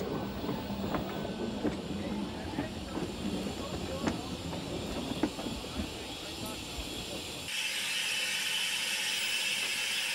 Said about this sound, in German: In Frutli wird Wasser nachgefüllt und frisch geölt. Zur Information, für eine Fahrt hin und zurück braucht die Dampflok ca. 400 Kilo Kohle und 2500 Liter Wasser.